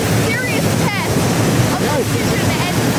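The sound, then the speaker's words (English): A waterfall roars steadily and loudly as a woman stands under it, a dense, unbroken rush of water with a few faint, high chirping tones flickering above it. “To give you an idea of just how she's standing under a waterfall.”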